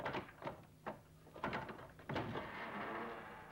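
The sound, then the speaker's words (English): A door being opened: several quick knocks and clunks from the latch and handle, then a louder thud and a sustained rushing creak as it swings. Fairly quiet, no voices. “Open the door!”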